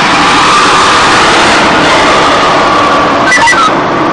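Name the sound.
fire truck engine running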